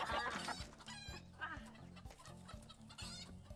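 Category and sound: bird, laying hens clucking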